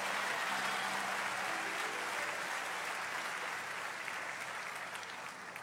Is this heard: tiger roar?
no